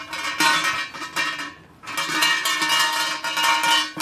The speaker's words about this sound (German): Jetzt stehen wir an einem riesigen, wie heißt so ein Ding auf Deutsch? An einem Glockenseil. Dicken Seil. Oben hängt eine Glocke dran. Und da muss man einmal schön schütteln.